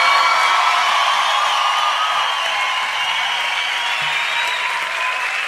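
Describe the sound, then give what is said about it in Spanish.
Sustained audience applause fills the scene, a dense wash of many hands clapping at steady loudness throughout, with faint whoops mixed in and no talking. “Si ese aplauso para él, tiene que dárselo mucho más fuerte.”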